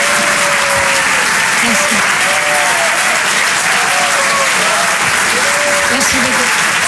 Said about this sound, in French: peut l'applaudir très très fort elle aussi, la Bajon sur Rire et Chanson.